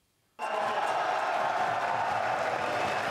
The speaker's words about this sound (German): Der Jubel unter den Fans des Projekts war groß, als das Stadion dann beschlossene Sache war. Der Rat der Stadt war gestern in die Aula einer Schule ausgewichen und die war voll von interessierten Oldenburgerinnen und Oldenburgern